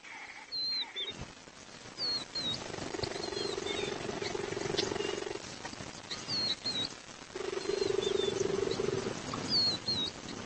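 cheetah purring

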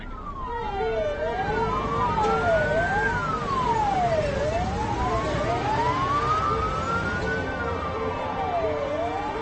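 ambulance siren passing

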